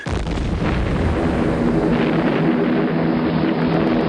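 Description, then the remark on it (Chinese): A loud, steady roar of Japanese warplane engines flying in neat formation toward the west fills the whole clip, a dense rumbling drone with a faint tonal whine riding on top, continuous, with no voices. “巨大的轰鸣，尖利的啸叫，在孩子的眼里意味着死亡的恐惧。”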